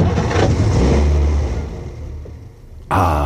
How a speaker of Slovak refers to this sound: Myslím, že to bude v poriadku, pán profesor. Chcelo to len menšiu údržbu. Počúvajte, ako krásne naskočí motor.